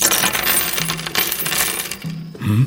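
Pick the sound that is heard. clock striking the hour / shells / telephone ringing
shells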